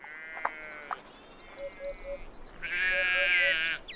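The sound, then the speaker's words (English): Sheep bleat twice outdoors on grassy grazing land between oak trees, a shorter wavering call followed by a longer, louder one, with faint birds chirping in the background. “The greenlands between the oaks are grazing grounds for the sheep.”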